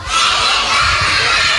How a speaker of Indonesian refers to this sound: Tepuk tangan dong. Tepuk tangan dong. Mana semangatmu?